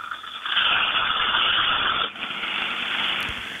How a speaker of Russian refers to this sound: Шкварчит картошечка от Мурзилы из Москвы. Сейчас должно быть хорошо слышно. Да, было хорошо. А сковородка чугунная или тефалевая какая? Нет, вы знаете, эта сковородка, она в современном покрытии а-ля вок.